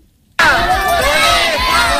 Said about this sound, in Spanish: Este ha sido el grito más escuchado en Dueñas por parte de los padres de más de 200 niños que este primer día de curso no han ido a clase y han colgado sus mochilas como modo de protesta